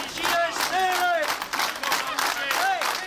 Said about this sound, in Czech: Tímto pokřikem byla dnes zakončena manifestace zaměstnanců na nádvoří kladenské Poldy.